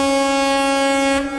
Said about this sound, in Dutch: Nou, laat die misthoorn maar klinken hoor, vanaf Apeldoorn tot aan, in ieder geval tot Zwolle.